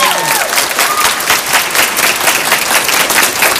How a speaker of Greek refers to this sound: Χειροκρότημα! Ναι! Ναι, ναι, ναι, ναι, ναι.